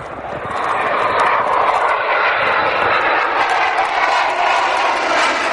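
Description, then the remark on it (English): A military jet fighter, deployed by the government to defend the Olympics, roars loudly overhead. Its broad rushing engine noise swells in within the first second and then holds steady throughout, with no voices. “The government is deploying a vast array of military equipment and personnel to defend the Olympics. Jet fighters, warships, even a nuclear submarine.”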